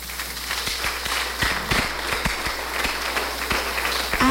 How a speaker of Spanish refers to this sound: Excelente, aplauso al hermano.